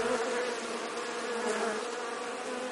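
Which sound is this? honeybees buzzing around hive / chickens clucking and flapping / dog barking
honeybees buzzing around hive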